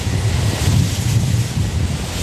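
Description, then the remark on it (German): A wind turbine whooshes in a steady outdoor wind, with deep rumbling and broad airy rush that swells slightly and fades without a clear beat. No one speaks. “Wusch, Wusch hören. Also das gibt es tatsächlich.”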